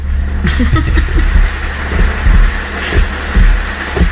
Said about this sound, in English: It's like that thunder's gonna roll right into the house. Sure seemed that way. What are we gonna tell him? It's angels bowling? It's fucking thunder.